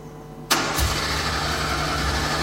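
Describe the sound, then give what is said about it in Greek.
After a brief quiet moment, a car engine suddenly starts cranking loudly as a man in the car tries to start it, churning on steadily without catching into a clear run; the car does not start. No one speaks. “Oh, έφυγε το πρώτο ευρώ πρωί πρωί, δεν παίρνει μπροστά το αυτοκίνητο.”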